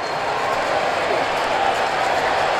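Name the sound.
stadium crowd cheering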